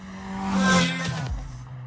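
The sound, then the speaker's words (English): A Celica car engine revs hard in a loud, steady roar as it is driven fast around a lap, its droning pitch holding high before dropping sharply as it shifts down, with no voices. “Margaret's going so fast. Hammering today. In that Celica.”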